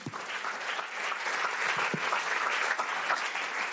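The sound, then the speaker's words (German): A small group applauds, a steady patter of many hands clapping at moderate volume for a few seconds with no talking over it. “Kleiner Applaus für dich, komm.”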